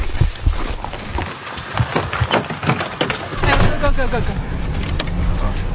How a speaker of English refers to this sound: We can hear a drone above, and we've been told that it's a Houthi drone, so we're just taking cover.